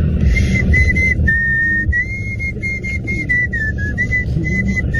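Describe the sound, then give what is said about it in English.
A person whistles a melodic tune while smiling, whistling along to a song, the clear pitch stepping through a steady sequence of sustained notes over a dense, loud background of music or crowd noise. “He was whistling to ….”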